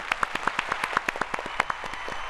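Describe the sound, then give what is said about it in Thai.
A brief burst of applause sound effect: a quick, fairly even run of sharp, crisp hand claps, around fifteen of them in a couple of seconds, with no talking. “เอาเสียงตบมือไปก่อนค่ะ”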